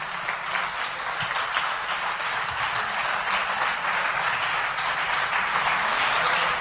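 A crowd applauds steadily for several seconds, a dense, even wash of many hands clapping at a constant loud level with no voices rising above it.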